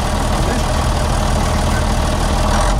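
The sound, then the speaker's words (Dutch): The engine of a heavy yellow truck driving past rumbles steadily, a loud continuous low idle with a throaty drone that holds constant for a few seconds without any talking. “in zijn eigen truck voorbij rijden.”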